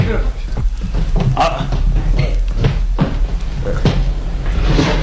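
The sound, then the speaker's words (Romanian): A door thuds shut and a bolt clatters into place as the door is bolted behind people who have just gone in, a few sharp knocks and scrapes over a steady low hum, with people talking faintly in the background. “Iaca, au zăvorât și ușa după noi.”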